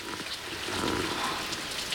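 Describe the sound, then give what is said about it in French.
Steady rain patters and taps on a plastic basin in a garden, beside a leaking garage gutter, a dense, continuous drumming of drops at even loudness, with no voices. “Et c'est toi, la pluie, qui tambourine sur une cuvette en plastique.”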